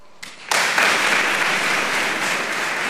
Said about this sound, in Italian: Applauso sottolinea la tanta sostanza nel discorso delle loro eccellenze ed ora l'atteso discorso del Santo Padre.